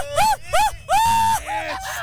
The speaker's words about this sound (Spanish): Oye, a ver, échate tu mejor grito de mariachi.